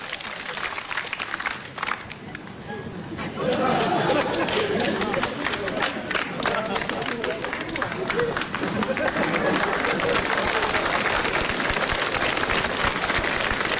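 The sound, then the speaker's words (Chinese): An audience breaks into loud, sustained applause after a few seconds of quieter crowd murmur, the dense clapping mixed with laughter and chatter and holding steady to the end. “乐完了，就这样，来得快，回去得慢，人人都这么乐，您也甭乐我，您也甭鼓掌，这就是一个规律，只要您稍微注意就行了。”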